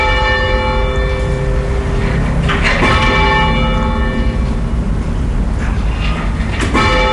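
church bells being rung

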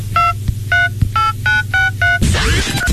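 mobile phone keypad tones

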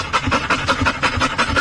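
dog panting

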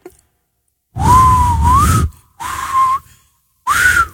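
person whistling

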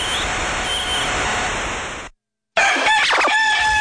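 rooster crowing

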